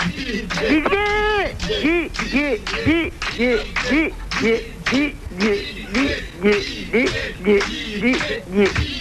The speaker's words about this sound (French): Mon prénom. Vous entendez, Martine? Vous entendez, Martine? Si vous m'entendez, écoutez le public qui crie mon prénom.